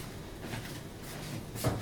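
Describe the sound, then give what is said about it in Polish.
The cap of a bottle of beet concentrate is twisted off while cooking, a quiet, steady plastic scraping that ends in a brief sharp click, with no one speaking. “Odkręcamy po prostu butelkę”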